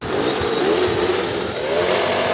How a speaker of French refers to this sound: C'est à coup d'atomiseur qu'un puissant insecticide a été disséminé hier soir à Fuy, dans le quartier où réside la personne contaminée.